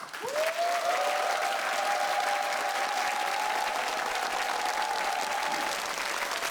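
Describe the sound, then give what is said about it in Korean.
An audience applauds steadily for about six seconds to call for a performance of the danga Sacheolga, a dense, even clatter of many hands, with a sustained mid-pitched tone humming through most of it. “여러분의 큰 박수로 단가 사철가 청해보도록 하겠습니다.”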